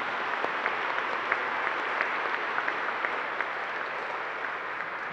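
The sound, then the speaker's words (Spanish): An audience at a church service applauds the fathers on their day, steadily for about five seconds, a dense wash of many hands clapping at even loudness, with a few sharper individual claps standing out now and then. “Regalémosles el aplauso a los papás en este día.”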